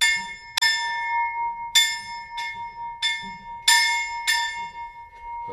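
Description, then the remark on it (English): A bell from the original 1796 forestry school, rung by students who have finished their maturita exam, rings out about seven times in uneven succession, each loud strike leaving a bright, sustained metallic tone that hangs between the hits. “And we have tradition when our student finish the maturita exam in our school, they can ring on this bell.”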